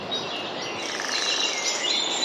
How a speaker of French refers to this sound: C'est-à-dire qu'il y a des petits bruits d'oiseaux comme ça.